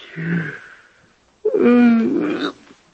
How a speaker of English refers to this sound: It's funny, I don't know why I'm yawning. Nerves, I guess.